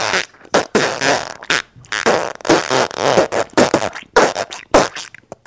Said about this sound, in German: Nun hört ihr die Geschichte vom Pupsen.